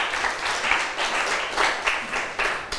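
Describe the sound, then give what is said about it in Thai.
A group of students in a class applauds themselves together at the teacher's request, a dense patter of many hands clapping with a few louder swells, steady for a few seconds with no one talking over it. “นักเรียนค่ะเก่งมากปรบมือให้ตัวเองหน่อย”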